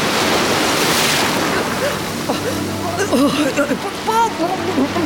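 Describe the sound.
A loud, rushing roar of stormy sea waves crashes for a couple of seconds, then eases into a steady wash while a voice speaks over it.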